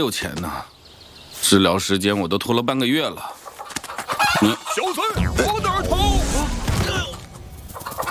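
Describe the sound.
An old hen clucks loudly and frantically in a burst of agitated squawks amid a busy, noisy commotion with voice-like cries mixed in.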